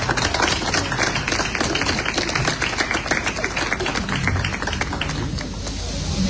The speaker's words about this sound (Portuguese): Um salve de palmas.